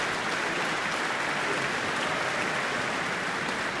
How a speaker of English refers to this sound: The orchestra is on their feet again, receiving their applause.